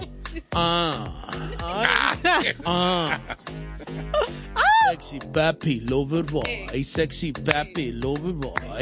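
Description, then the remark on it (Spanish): A voice performs drawn-out, exaggerated sexy grunts and moans, pitch sliding up and down in a steady stream of vocalizing for several seconds, loud and theatrical. “Uno tiene que empezar con un pujido sexy.”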